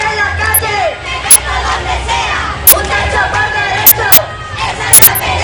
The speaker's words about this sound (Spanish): en una movilización en la que se han escuchado gritos contra el bloque de la derecha, los fondos buitres y en la que se han hecho repetidos llamamientos a la huelga general.